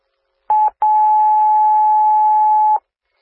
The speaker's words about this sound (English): Attention Rochester Rescue, this is second set of tones for the call 29311 Hickory Lane.